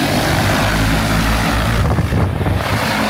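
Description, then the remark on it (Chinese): A steady, loud whir of several agricultural spraying drones flying overhead, spraying wheat at grain-filling stage in Taishan Town, Jiahuo County, Xinxiang, Henan Province, China, their propellers droning continuously with a low harmonic hum and some wind buffeting, with no voices. “在河南省新乡市嘉霍县泰山镇，多架无人机飞防作业在同步进行，小麦灌浆期最后一遍飞防作业即将完成。”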